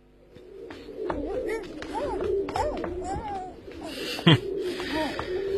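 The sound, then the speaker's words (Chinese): Trained pigeons coo continuously in a busy flock, with a burst of wing flapping and rustling near the end as the birds fly out of their unlocked coop after hearing music, at moderate volume. “啊，一听音乐，鸽子全都飞出棚了。”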